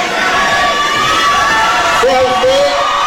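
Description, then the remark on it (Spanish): A large crowd of supporters of President Claudia Sheinbaum and Monreal, standing behind a fence at a rally, shouts and cheers continuously in a dense, roaring wall of voices, with a few higher whistles or yells rising above it near the end. “La gente que está gritando ahí, desde luego, es gente que está apoyando a la presidenta y al estadista Monreal.”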